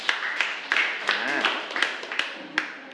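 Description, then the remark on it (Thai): A group breaks into steady applause for group 4 after its answer, dense overlapping claps with a few sharper hits standing out, while a voice or two murmurs faintly underneath for about three seconds. “ขอเสียงปรบมือให้กับกลุ่มที่4หน่อยนะครับ”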